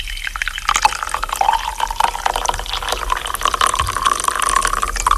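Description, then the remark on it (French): A herbal infusion of mallow, calendula, cornflower and blackcurrant leaf, steeped 10–15 minutes, is poured in a steady, splashing stream for several seconds, its gurgling tone rising gradually in pitch as the cup fills. No one speaks. “Vous pensez qu'elle est prête, notre infusion, Benjamin ?”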